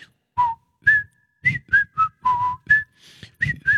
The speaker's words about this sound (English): I think we've had enough whistling. This is our whistling quota for the year.